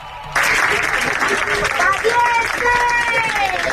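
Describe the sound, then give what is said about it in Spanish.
A crowd at Madrid's Barajas airport bursts into loud, sustained applause with shouts of "valientes" and cheering mixed in, welcoming arriving Spaniards, a dense wash of clapping that starts abruptly and holds steady to the end. “Y así, con aplausos y grito de valientes, fueron recibidos en Madrid, en Barajas.”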